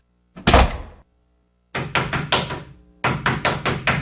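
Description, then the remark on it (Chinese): Loud knocking on a room door by someone who has come to the wrong room: one heavy thump, a pause, then two urgent bursts of rapid knocks, about five raps each, with no voices. “你是谁啊？敲错房了。”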